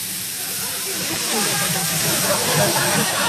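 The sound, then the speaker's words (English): A voice imitates a sizzling fajita platter with a steady, breathy hiss that holds for about three seconds and swells slightly louder toward the end. “I love whoever serves the sizzling party platter, because whoever serves it becomes an instant slur, but everybody's enamored by this guy.”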